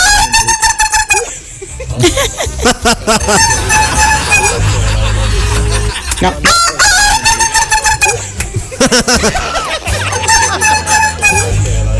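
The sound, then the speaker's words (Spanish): A rooster crows loudly, several long strained calls in a row, over a busy background with a low steady hum and some overlapping voices. “Pobre gallo.”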